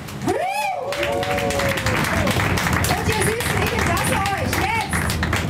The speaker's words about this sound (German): Und ich würde sagen, Barkasse Meier, Abig, der 100-jähriges Jubiläum. Ja, machen wir nochmal einen großen Applaus.